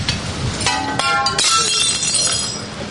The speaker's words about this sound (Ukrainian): А рятувальники обстежують будинки і вибивають залишки скла, щоб воно не впало перехожим на голови.